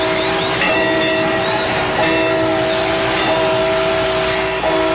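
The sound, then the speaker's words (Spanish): Church bells of the parish of Dolores, Mexico, rung by Miguel Hidalgo before dawn on 16 September 1810 to summon the townspeople, ring out loudly and steadily, each heavy strike blooming into a long humming tone that overlaps the next, with no voices over them. “En la madrugada del domingo 16 de septiembre de 1810, don Miguel Hidalgo, cura del pueblo de Dolores, hizo sonar las campanas de su parroquia, convocando así a los habitantes del lugar.”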